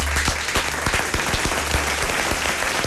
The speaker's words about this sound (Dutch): En bij ons in de studio. En geef er een heel groot applaus.